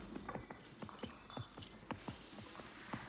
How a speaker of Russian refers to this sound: Потом снова дорога и какая-то деревня в темную бурную ночь. Бесконечные вполне базарницы, скрип повозок, тревожное ржание лошадей.